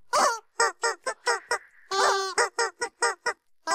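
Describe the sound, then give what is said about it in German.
A squeaky rubber chicken toy honks out a song melody for a radio music guessing quiz on musical Wednesday, about a dozen loud, nasal squeaks of shifting pitch with one long held note in the middle, with no talking. “Ihr habt ganz fleißig mitgerätselt heute Morgen wieder, was das verrückte Huhn da gequietscht hat am musikalischen Mittwoch.”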